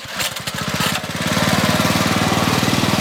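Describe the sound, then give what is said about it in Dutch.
A small outboard motor on a bamboo raft is pull-started on the Karian Reservoir near Jakarta, Indonesia, to ferry people across. It sputters unevenly for a moment, then catches and settles into a loud, steady, rapid chugging idle, with no voices. “Elk weekend trekt Aang de motor van zijn bamboevlot aan om mensen over te steken over het Karian Reservoir”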